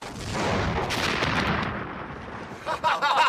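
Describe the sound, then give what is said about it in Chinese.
A loud, sustained roar of deafening booming artillery fire from the direction of a temporary airfield, dense rumbling blasts running together, with sharper bursts near the end. “果然，几分钟之后，在临时机场方向，便响起了震耳欲聋的炮声。”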